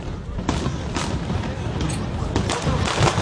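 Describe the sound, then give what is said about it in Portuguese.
Canada Day celebration fireworks in Toronto at 11:20 at night pop and bang irregularly, half a dozen sharp cracks over a steady roar of background noise and crowd murmur, with a couple of louder bursts near the end. “O fogo que ouvimos é da celebração do Dia do Canadá.”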